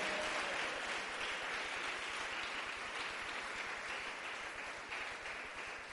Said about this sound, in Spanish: Fuerte ese aplauso a la palabra del Señor.